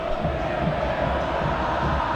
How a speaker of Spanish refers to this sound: Y el Monumental, escucha, otra vez es un grito de guerra. Escucha, escucha.